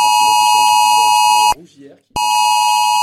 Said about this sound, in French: C'est aux alentours de 3 heures cette nuit que les habitants ont reçu 7 alertes sur leur téléphone.